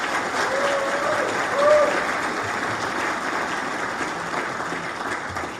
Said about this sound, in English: Ladies and gentlemen, it is such an honor to welcome His Excellency, our President, Muhammad Irfan Ali, to Houston, Texas. I want you all to give him a round of applause now to welcome him.